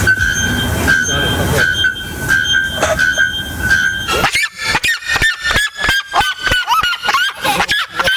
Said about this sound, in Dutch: Het gaat om de naaktkeelklokvogel en de kuifsirema. Die halen allebei meer dan 120 decibel. Nou, dat is voor je beeld net zo hard als ongeveer een kettingzaag. Dat is best hard. Wil je natuurlijk weten hoe ze klinken? Nou, zo.